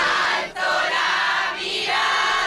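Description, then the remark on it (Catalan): A dense, loud crowd of faithful roars and cheers continuously outside the palace, acclaiming the Pope's arrival with chants; a wash of many voices with brief dips and swells. “Fora del Palau, la Guàrdia Reial l'ha rebut amb honors d'estat i una multitud de fidels l'ha aclamat a la seva arribada amb càntics i deixant clares les ganes d'escoltar el seu missatge.”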